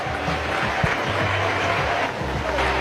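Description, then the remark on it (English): A ballpark crowd offers a mild, steady round of applause, a dense patter of clapping with a low murmur of voices underneath, holding at an even level, as pitcher Paul Skeens walks off toward the third base dugout after a pitching change at 105 pitches, his team trailing 3-0. “The crowd gives him a mild ovation or a mild round of applause.”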